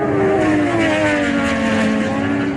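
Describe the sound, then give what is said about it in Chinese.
Loud racing motorcycle engines at the 2026 World Superbike Championship, including Chongqing manufacturer Zhang Xue Motorcycle, scream continuously at high revs, their pitch wavering slightly as they pass by, with no talking. “6月13号，来自中国重庆的摩托车制造商张雪机车在2026世界超级摩托车锦标赛上再次夺得分站赛冠军。”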